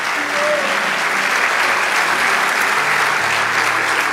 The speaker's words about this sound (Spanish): Vamos, dale ese aplauso. Gloria a Dios.